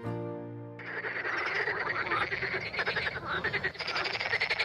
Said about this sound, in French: Alors vous avez entendu ces coassements de grenouilles